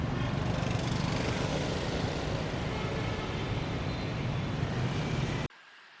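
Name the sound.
traffic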